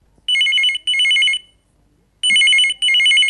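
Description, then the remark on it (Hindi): A telephone rings for an incoming call to the radio programme Hello Akashvani, from a caller at the bus stand in Mansa, Punjab. It gives two double bursts of a bright, warbling electronic trill, separated by a short pause. It is loud, with no talking. “स्वीकारिए मेरा प्यार भरा नमस्कार, और चलिए अब आगाज करते हैं कार्यक्रम का इस फोन कॉल के साथ।”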